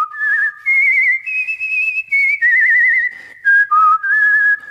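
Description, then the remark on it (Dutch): A human voice whistles a nightingale's song: a melodic run of high, warbling trills and sliding notes in short phrases with brief pauses, loud and alone without any talking. “Hij vloog door de grote zaal en zong het mooiste lied.”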